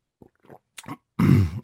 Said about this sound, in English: What I didn't like about it, excuse me, I got a little cough here.